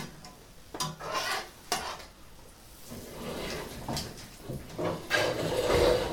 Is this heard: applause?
no